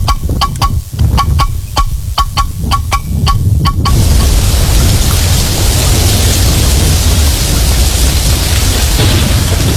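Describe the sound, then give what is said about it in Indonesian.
Heavy rain pours down in a steady, dense roar with a deep low rumble of thunder underneath, preceded for the first few seconds by a quick series of sharp rhythmic knocks. “Seberapa hari ini hujan deras terus nih.”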